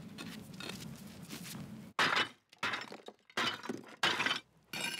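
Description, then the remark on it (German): Broken clay tiles clink and scrape as they are stacked into a mini pyramid in a garden, a series of sharp impacts in irregular bursts after a stretch of rough rustling and shuffling. “Als kleines Extra baut Karin anschließend noch eine Mini-Pyramide aus zerbrochenen Ziegeln.”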